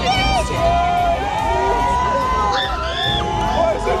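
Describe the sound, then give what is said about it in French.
A crowd of fans outside a hotel screams and cheers continuously as singer Céline Dion arrives, high shrill voices rising and overlapping, with loud excited shouting and babble filling the whole scene. “Allez, moi, je vais crier, là, je peux plus, là. Elle arrive.”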